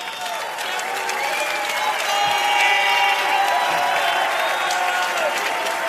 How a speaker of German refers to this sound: und das ist schon mal euer Applaus.